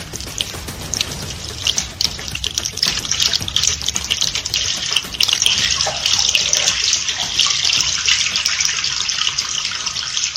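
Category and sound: household object, water running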